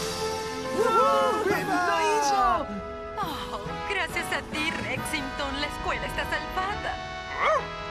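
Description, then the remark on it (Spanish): Rexington, the dog of the Yukon in an adventure show, barks and yips several times in quick, uneven bursts. The barks are fairly loud, with a busy, tonal background running underneath throughout. “Ese Rexington, qué buen perro.”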